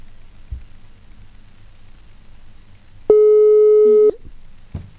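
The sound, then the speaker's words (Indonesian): A single loud, steady electronic ringback tone sounds for about a second, the telephone ring of an outgoing call to a guest, over a quiet background with a couple of faint clicks. “Oke, coba kita telepon dulu ya”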